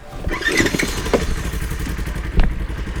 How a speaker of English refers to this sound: We pass by a firefighter crew with chainsaws cutting down small trees, but no cows. Did you hear a cow or a chainsaw? I swear it was a cow. When we were on the other side of the tree, the chainsaw does sound like a cow. It does, yeah.